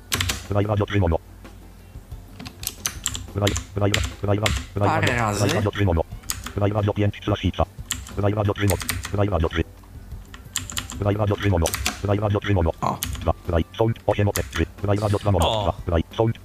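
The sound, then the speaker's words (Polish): Computer keyboard keys being pressed as someone uses the Ctrl+Shift+Down Arrow shortcut, a series of crisp clicks tapped in short bursts while a person talks over them throughout. “I w tym momencie zrobię sobie Ctrl Shift strzałkę w dół.”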